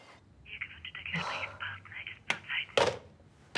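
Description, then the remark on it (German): A mobile phone rings with a bright, repeating electronic melody for a couple of seconds, then two sharp knocks or thuds cut in near the end. “Ist das mein Handy?”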